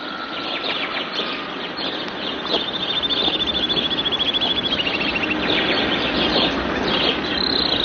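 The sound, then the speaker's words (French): A dense chorus of birds singing together, with overlapping chirps and a bright, rapid trill rising out of the mix midway, steady throughout. “Les oiseaux.”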